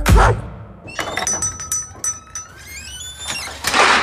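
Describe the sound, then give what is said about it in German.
Kitchen knives clack one after another onto a magnetic knife strip from the Hagebau hardware store in Hechtsheim, a dull thunk first, then several sharp metallic snaps with bright, lingering ringing overtones, ending in a noisy scrape. No voices. “Was es alles gibt, das Ding heißt Magnetleist und das habe ich vom Hagebau in Hexem. Alle Messe in meiner Kirche habe ich jetzt da dran.”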